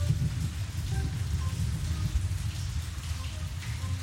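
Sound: rain falling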